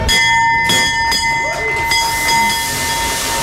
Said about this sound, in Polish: Po 10 latach na giełdzie papierów wartościowych pojawił się nowy dzwon otwierający sesję notowania.